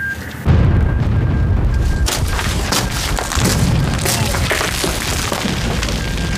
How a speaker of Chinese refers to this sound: 喂，前阵地吗？我是师指挥部，刚才的爆炸是怎么回事？好，我马上向师座汇报。 师座， 前阵地报告说，刚才有一股共军侦察兵抢我炮兵阵地，杀死哨兵，摧毁8门105榴弹炮。